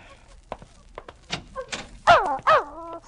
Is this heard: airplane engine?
no